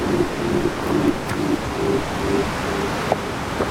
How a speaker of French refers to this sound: Des basses profondes. Le ressac continue. De l'océan qui commence à déchaîner ses longues vagues d'écume blanche.